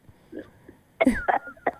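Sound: cough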